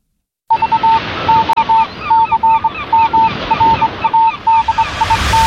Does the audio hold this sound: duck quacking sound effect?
yes